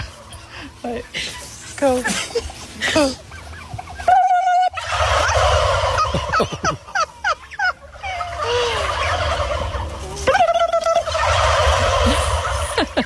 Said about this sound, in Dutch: veld opeens een hele hoop kalkoenen tegen. En toen de vrouwen een kalkoen na gingen doen, kwam er een massale respons.